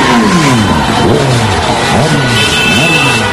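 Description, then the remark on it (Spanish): Several car engines rev loudly and repeatedly, their pitch sweeping up and down in overlapping bursts amid a dense, noisy crowd-like background of street commotion, as hundreds of residents of Castellón province, Spain, drive their cars at night celebrating Spain's World Cup win over France. “Centenares de vecinos de distintos municipios de la provincia iniciaron marchas con sus coches para celebrar la victoria de España ante Francia anoche.”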